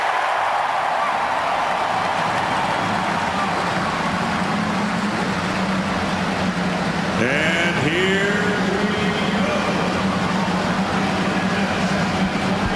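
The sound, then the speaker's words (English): At the 106th running of the Indianapolis 500-mile race, the engines of the field of 33 race cars roar to life over a steady wash of loud noise. Several rev up together with rising whines partway through. A voice speaks briefly near the start. “The cars roar to life as we get ready for the 106th running of the Indianapolis 500-mile race.”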